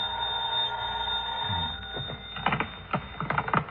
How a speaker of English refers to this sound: Must have been about 3:30 when the phone rang.